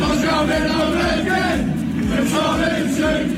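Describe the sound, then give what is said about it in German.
A large crowd of British England football fans chants a terrace song dedicated to coach Thomas Tuchel in unison, loud and steady, with many voices blending into a rough, rhythmic roar that never pauses. “Sie haben ihm sogar schon Fangesänge gewidmet.”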